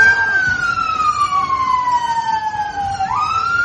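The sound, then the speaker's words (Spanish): Fire engine sirens on the streets of Belfast, Northern Ireland, at night, as firefighters respond to dozens of house and vehicle fires, wail loudly, the tone sliding slowly downward before sweeping back up, over a steady wash of city street noise. “Son las sirenas de bomberos que han tenido que sofocar decenas de incendios en casas y vehículos en una noche muy tensa en las calles de la capital de Irlanda del Norte.”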